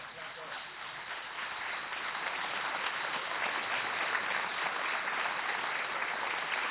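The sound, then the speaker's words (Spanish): An audience claps steadily for Alejandro Dolina, a dense wash of many hands that swells slightly after the first second and holds at a full, even level to the end. “El fuerte aplauso para Alejandro Dolina.”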